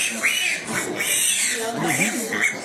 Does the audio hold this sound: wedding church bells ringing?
no